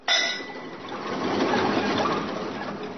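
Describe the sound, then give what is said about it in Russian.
A small tin mug, dropped by a curious monkey named Domayanti, hits the floor with a sharp metallic clang and brief ringing, then clatters and rattles for a couple of seconds. Fairly loud, with no voices. “Любопытная Домаянти уронила жестяную кружку.”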